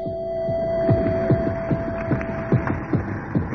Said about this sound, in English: Neither did the sudden recurrence of the heartbeat from deep within the pipe help the repair crew's confidence.